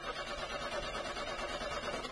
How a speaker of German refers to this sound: Lief doch gerade noch alles super und dann springt der Wagen nicht mehr an.